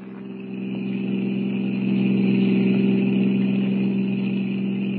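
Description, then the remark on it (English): A blue roadster's engine drones steadily as it speeds at 90 down a highway in the darkness, a strong low hum with harmonic bands that swells slightly and holds loud. No voices. “Looks like we lost the car that was following us, Jack. Yeah, I figured we would. We're doing 90. This crate sure can travel.”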